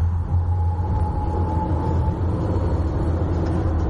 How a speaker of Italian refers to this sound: Il pullman punta verso l'interno. La strada si inerpica accanto a una linea ferroviaria.